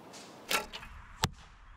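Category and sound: impact, arrow shot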